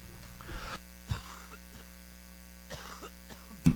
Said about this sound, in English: Cough break there, guys. Sorry about that.